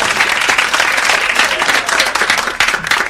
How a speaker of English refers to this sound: The fans of the big game are chomping at the bit to get the game over. They're clapping sooner and sooner.